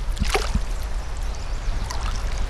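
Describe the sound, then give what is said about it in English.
Steady outdoor water flowing from the Clearwater River at a National Historic Park in Idaho, on a sunny day, with a low rumbling wash underneath and a few brief splashy bursts early on. No one speaks. “Stella Samaripa, a Namipu language teacher, and Our Living Lands producer Daniel Spalding spent an afternoon next to the river talking about the connections among language, culture, and land.”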